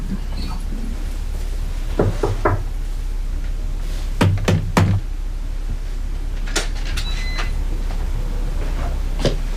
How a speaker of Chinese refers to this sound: 敲门吧